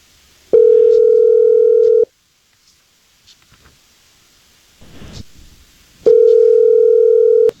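A telephone ringback tone sounds twice as the hosts of the Jesse James Morning show place a call: two loud, steady buzzing rings, each lasting over a second, separated by a pause of about four seconds with faint rustling.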